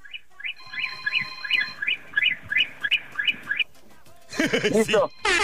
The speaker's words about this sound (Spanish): Ocupo, por favor, que me des 17 bocinazos cortititos. Pero ya, vámonos, 17.